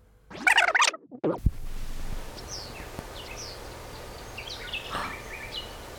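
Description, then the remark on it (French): Birds chirp outdoors at the grotto in Jette, Brussels, a loud burst of calls at the start, then scattered fainter tweets and whistles over a steady hiss of ambient noise. “Des oiseaux.”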